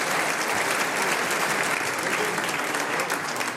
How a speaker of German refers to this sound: Das ist ein Applaus